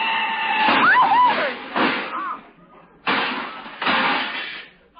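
A car collides with a big black touring car: loud crashing impacts and scraping metal, followed by two more bursts of clattering, grinding noise as the touring car's fenders are knocked off into the gutter, with a brief screeching squeal early on.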